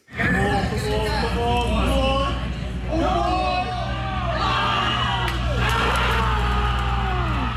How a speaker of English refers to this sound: The screaming.